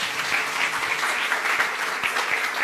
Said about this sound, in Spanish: Ok, muchísimas gracias y muchísimas felicidades a todos, a este talento que tiene la preparatoria número 3. Y un aplauso para todos sus compañeros, por favor.